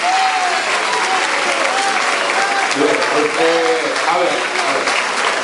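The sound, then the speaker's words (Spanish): A crowd applauds loudly and steadily for several seconds, a dense wash of clapping with scattered voices calling out underneath. “fuerte el aplauso, bendecido el trabajo también.”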